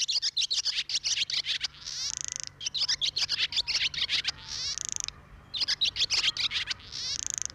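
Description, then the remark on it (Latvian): A swallow twitters in fast, chattering bursts of high clicks broken by short buzzy trills, the phrase repeating about three times with no voices. “šoreiz putnu rubrikā iepazinām bezdelīgu.”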